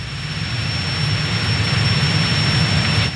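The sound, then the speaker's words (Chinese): A steady, loud engine drone from the airplane invented by Guangtouqiang, with a deep low rumble and broad hiss, holding constant throughout with no voices. “果然如此，飞机只攻击他看到的移动物体，我们伪装起来就可以了。”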